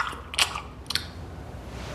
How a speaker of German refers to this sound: Unter dem Küchentisch lässt sich der Kobold den gemopsten Schokoladenriegel schmecken. Sein Schmatzen ist nicht zu überhören.